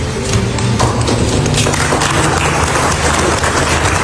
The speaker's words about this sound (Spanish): Esto no ha sido fácil, dice Trump y le aplauden. Se refería al memorándum de 14 puntos con el que, en principio, se pone fin a la guerra con Irán.